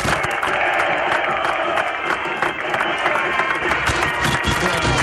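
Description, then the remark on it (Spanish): A large stadium crowd of fans whistles in discontent, a dense, steady wall of shrill noise lasting throughout, with scattered applause mixed in and no clear pauses. “Mucho descontento por parte de los hinchas. La verdad que silbido. Algunos aplausos, pero sí, mucho silbido.”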